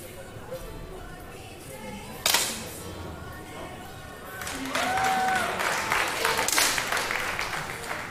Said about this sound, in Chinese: 由于现场的观众呢，其实他们是可以看到八名不同的选手他们的激发成绩的，所以说刚才的欢呼声应该是送给了德国选手赖茨。赖茨在第八枪是打出了10.8环的成绩。